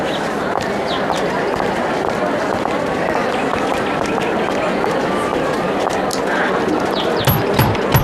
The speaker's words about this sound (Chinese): 哟，有人敲门。